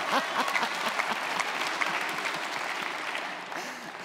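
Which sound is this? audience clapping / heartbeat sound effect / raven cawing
audience clapping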